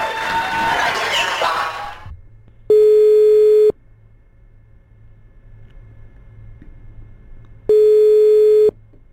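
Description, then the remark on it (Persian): A brief burst of crowd cheering gives way to a phone ringback tone as a live call is placed to a lucky listener: two loud, steady one-second beeps separated by about four seconds of near silence with a low hum. “تماس مستقیم داریم با یک شنونده خوش شانس.”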